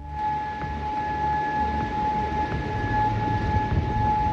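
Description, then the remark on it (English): An air raid siren sounds continuously in Bahrain or Kuwait, a loud, steady high tone holding without pause over a rumbling, noisy background, with no voices present. “Sirens have sounded in Bahrain and Kuwait.”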